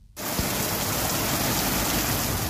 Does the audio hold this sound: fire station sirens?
no